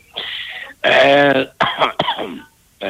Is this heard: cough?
yes